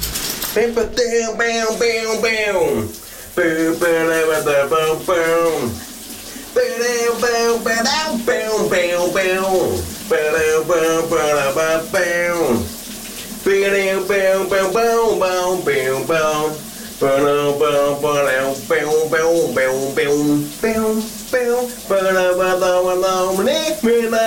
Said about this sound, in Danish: der synger min … under bruseren i dag